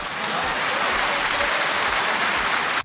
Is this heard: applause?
yes